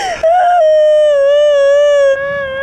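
A woman cries out in a long, loud wail, holding one high, steady, whimpering pitch for about two seconds before it breaks off. No one speaks.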